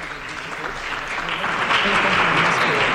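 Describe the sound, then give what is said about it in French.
Steady applause from a large crowd in the hall at UNESCO as a visitor enters, dense continuous clapping that swells slightly louder in the second half, with a faint murmur of voices mixed in. “Et il entre dans le hall et tout le monde l'applaudit. Nous sentons les applaudissements.”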